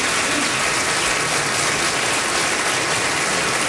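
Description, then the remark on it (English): Steady, dense audience applause at a community festival, given for the volunteers, with many hands clapping at once in a loud crackling wash that holds evenly for several seconds without any talking. “I mean, just, you know, a big round of applause, yeah.”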